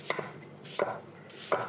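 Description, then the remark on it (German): A knife chops an onion on a cutting board into small cubes in three crisp, evenly spaced strokes, each a sharp tap with a brief scraping edge, with no voices. “Und wenn man jetzt von oben runter schneidet, hat man sofort kleine Würfelchen.”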